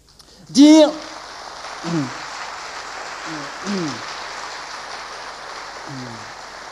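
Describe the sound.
Steady crowd applause fills the whole stretch as a dense, even patter, with a few brief voice calls rising over it, one louder shout near the start.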